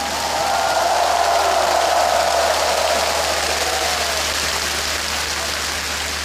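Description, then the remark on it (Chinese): A large crowd applauds warmly to welcome leaders and guests at the opening ceremony of the 15th provincial games, a dense, steady wash of clapping that holds for several seconds, with a faint sustained tone underneath that fades midway. “让我们用热烈的掌声欢迎各位领导嘉宾的到来。”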